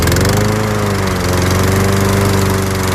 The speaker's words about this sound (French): Je me suis occupé d'espaces verts aussi, autour d'une grosse usine automobile. J'étais bien sur ma tondeuse. J'en garde un excellent souvenir.